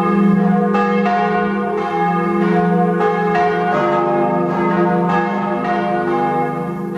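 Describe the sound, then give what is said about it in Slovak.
Church bells ring loudly and continuously, overlapping strikes arriving about once a second over a rich, sustained humming resonance. No voices are heard. “Ozvučenie Slovenska hlaholom zvonov ešte akú takú chvíľu potrvá a je to skôr proces ako kampaň.”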